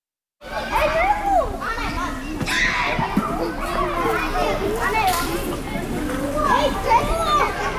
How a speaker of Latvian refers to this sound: Mūsdienīgi iekārtotajā pagalmā jau čalo bērni.